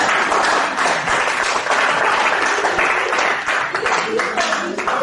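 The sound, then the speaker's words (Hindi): A crowd applauds steadily for about five seconds, a dense wash of many hands clapping at a constant, fairly loud level with no pause or fade. “इस बात की ताली हो जाए प्लीज।”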